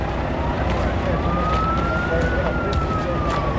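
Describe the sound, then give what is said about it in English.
A fire truck siren wails, its tone slowly rising and then easing down, almost buried under a dense wash of crowd and street noise with indistinct voices. “Oh, here comes the fire truck!”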